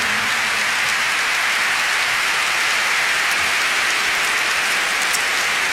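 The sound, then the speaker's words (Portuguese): At a fado concert, an audience claps continuously for guest Professor Joel Pina: a dense, even wash of applause that holds steady for several seconds, with scattered sharper claps and no voices over it. “eu gostava de vos apresentar aqui um senhor que me acompanhou neste disco mundo, nos únicos dois fados tradicionais que eu tenho, e que é o professor Joel Pina, para quem eu peço uma grande salva de palmas, que é o meu convidado desta noite.”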